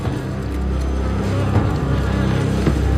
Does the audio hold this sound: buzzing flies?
yes